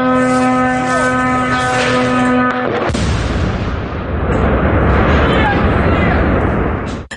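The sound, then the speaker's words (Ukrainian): A Shahed drone's steady, high-pitched engine buzz drones for a few seconds, then it explodes directly above a film crew's heads during the third attack on Zaporizhzhia, a loud burst followed by a long, roaring rumble of debris and echo. “Просто над головами знімальної групи вибухнув шахет під час третьої атаки на Запоріжжя.”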